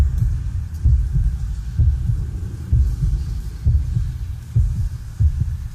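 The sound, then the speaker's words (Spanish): A deep, muffled heartbeat, presented as the Minotaur's heartbeat inside the womb of his mother, Queen Pasiphae, thumps steadily in low paired beats, roughly one per second, over a dull rumbling hum. No voices are heard. “Son los latidos de Minotauro dentro del vientre de su madre, la reina Pasifae.”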